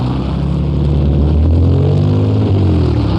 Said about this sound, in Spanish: Pasémonos la calle, pues. Cuidado, se lo lleva un carro, hombre.